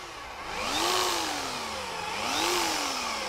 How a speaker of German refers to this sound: Und jetzt wird gebohrt. Ja, da bin ich froh, dass du nicht mein Zahnarzt bist. Kann ich mal in die Hand nehmen? Oh, das ist ja wie so ein Maschinengewehr.